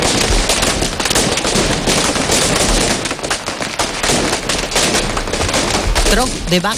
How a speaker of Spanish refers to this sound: desde 2014, enmudece al gentío con un petardo diseñado exclusivamente para el Domingo de Gloria, el Tro de Bac, Domingo de Resurrección en Cullarvega, cuando la devoción atruena en la jubilosa mañana de la Pascua.